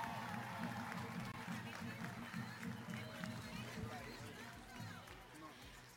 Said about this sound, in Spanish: Y alguien que también conocen ya, que ha recorrido cada rincón de Ensenada, démosle un fuerte aplauso a nuestro regidor del 25º Ayuntamiento de Ensenada, Eduardo Vega, fuerte el aplauso.